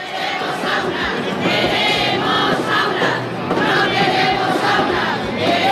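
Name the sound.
protest march crowd chanting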